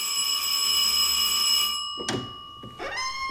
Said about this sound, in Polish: Już miałem stracić kwadrans na lekturę mojego nowego bezradnika inteligenta, kiedy ktoś zadzwonił do drzwi.